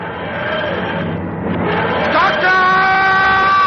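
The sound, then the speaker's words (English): A loud, sustained sci-fi dematerialization effect of the TARDIS dematerializing: a wheezing, grinding mechanical groan with layered droning tones that waver and rise in pitch, filling the whole few seconds. “Odysseus and his soldiers watch in awe as the TARDIS dematerializes.”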